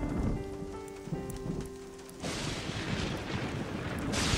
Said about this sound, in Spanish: Está lloviendo demasiado fuerte. ¿Papá? ¿Mamá? ¿Franklin? ¿Es la tormenta lo que te asusta?